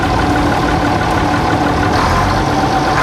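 A heavy Bizon combine harvester engine runs steadily and loudly in third gear, a constant low droning rumble with a rough mechanical texture and no pauses or voices.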